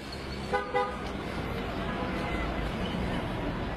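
Two short car horn honks sound close together early on, then give way to a steady roar of busy street traffic with faint crowd murmur in the background.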